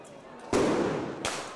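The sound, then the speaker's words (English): Two loud, sharp blasts about a second apart, each bursting out and trailing off with a rough, rumbling decay, from firework mortars hurled by sixth form students at riot police during a student protest in Bordeaux, amid a noisy outdoor crowd. “Elsewhere in Bordeaux, sixth form students hurled mortars at riot police.”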